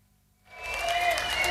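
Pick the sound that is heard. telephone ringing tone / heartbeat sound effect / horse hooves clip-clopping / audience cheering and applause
audience cheering and applause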